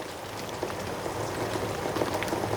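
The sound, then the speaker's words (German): Apple slices simmering on the stove in a pot of apple juice with the juice of half a lemon, a cinnamon stick and a spoonful of honey, with a steady bubbling and crackling hiss and scattered soft pops, without any talking. “Danach kommen die Apfelscheiben in den Topf, dazu eine Zimtstange und ein Löffel Honig. Das Ganze muss ein paar Minuten köcheln.”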